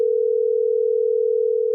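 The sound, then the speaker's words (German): A steady, unbroken telephone dial tone hums at a constant pitch and even loudness for under two seconds, heard alone without any voices, as a phone call to Ireland is placed. “Darum habe ich telefoniert nach Irland.”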